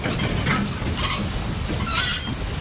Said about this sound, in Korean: 이사종이 예매한 기차가 들어오고